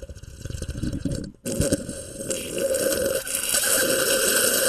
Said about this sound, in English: Quite a sip. Nobody drinks coffee like that.